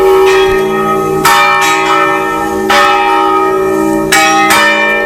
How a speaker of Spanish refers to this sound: los propios peregrinos pueden tocar las campanas de la catedral los martes y los jueves